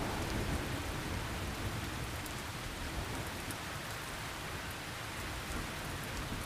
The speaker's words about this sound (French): Quand il y a eu des coups de chaleur comme ça, et puis que d'un seul coup la pluie tombe comme ça, oui, ils sortent là.